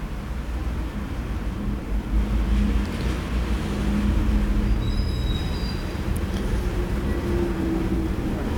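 A steady, heavy low rumble of street traffic, with trucks passing, including a wood and coal truck turning in the street, and a brief high-pitched squeal of brakes or wheels partway through; no voices.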